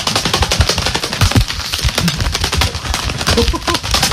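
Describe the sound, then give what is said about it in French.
Rapid, fluttering slaps of gloves beaten together imitate a big bird, like a large pigeon, taking off, a dense run of sharp flaps that keeps going steadily for several seconds. “Prends un gant et en fait, on va imiter un oiseau qui s'envole. Donc, il suffit de prendre des gants et de les faire claquer.”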